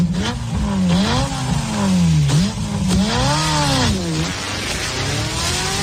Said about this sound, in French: Ce rugissement du moteur, c'est tout le défi de la marque italienne aujourd'hui. Réussir à vendre une Ferrari sans ce son, car acheter une voiture de luxe, c'est acheter une émotion, un imaginaire, un patrimoine.